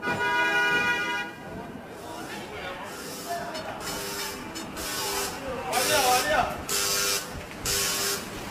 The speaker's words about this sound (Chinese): 北京时间12点，叮叮车在拥挤的车流中慢悠悠地穿行。